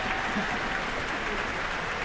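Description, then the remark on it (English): A concert audience at Carnegie Hall applauds and cheers for soloist Song Jin Cho after the Pittsburgh Symphony's performance of Rachmaninoff's Rhapsody on a Theme of Paganini, a dense, steady wash of many hands clapping at an even, fairly loud level throughout, with no break in the ovation. “You've just heard the Rhapsody on the Theme of Paganini by Sergei Rachmaninoff, a performance by the Pittsburgh Symphony, music director Manfred Honeck, and the young man for whom the cheers you've just heard are for, Song Jin Cho, the soloist.”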